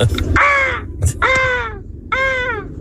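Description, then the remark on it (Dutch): A person imitates a peacock with three loud, nasal wailing calls in quick succession, each a drawn-out harmonic cry. “Nou, ik ken best wel goed een pauw nadoen.”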